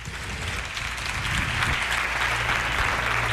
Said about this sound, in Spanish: Buenas noches, lo primero. Un aplauso para ellos.